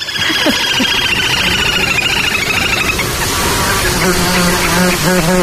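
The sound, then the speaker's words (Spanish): A dense, continuous buzzing of mosquitoes whining around the microphone, their layered high-pitched drones shifting in pitch as they circle, loud and unbroken throughout. “ese zumbido como un poco desquiciante, que son los insectos, los mosquitos”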